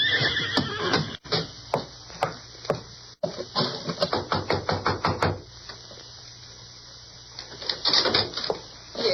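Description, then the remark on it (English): A ridden horse whinnies while hooves clip-clop in a quick, steady rhythm that stops about halfway through. A quieter stretch follows, then another burst of horse noise near the end. “Can my friends and I get some water for our horses?”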